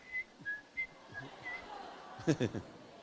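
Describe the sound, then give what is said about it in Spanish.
A person whistles in the faces of elderly people: a short series of clear, thin notes, several brief chirps with gaps between them, followed by a louder burst of voiced sound near the end. “Ahí ya empecé a silbar en la cara de los ancianos.”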